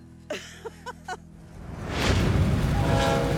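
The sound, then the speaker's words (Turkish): A few brief tonal toots ring out near the start, then the steady, building rumble of a moving train loaded with explosives, travelling through dense fog, fills the rest, with a faint horn tone sounding over it. “Kuzeyde ise patlayıcı madde yüklü tren yoğun sis içinde yolculuğuna devam ediyor.”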